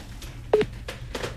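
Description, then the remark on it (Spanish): A short run of phone dialing tones, four brief electronic beeps spaced a fraction of a second apart, fairly quiet over a low background hum, with no voices, as a mobile phone call is placed back to someone. “no te enojes, me atendiste, te llamo de vuelta porque no dejaste sonar el celular.”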